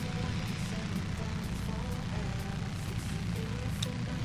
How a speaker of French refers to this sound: Voilà les voitures qui vont entrer au regroupe. On les retrouvera donc d'ici quelques minutes maintenant au podium.